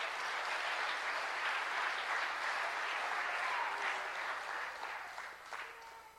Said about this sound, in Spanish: Le damos un aplauso al Señor en esta noche. Aleluya.